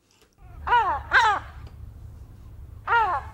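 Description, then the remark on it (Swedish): A large white herring gull gives three loud, harsh calls, two in quick succession and a third after a short pause, over a steady low rumble of background noise, in the Östermalm district of Stockholm. “Hon kallar honom Tore och han är en stor vit silltrut”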